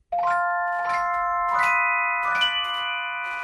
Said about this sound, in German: zur Celesta. Das ist eine Art Glockenspiel, schaut aber aus wie ein Mini-Pianino. Weil es genau das ist. Es ist eine Kombination aus Glockenspiel und Pianino. Und klingt halt nicht nach Klavier, sondern klingt so.